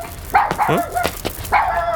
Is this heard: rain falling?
no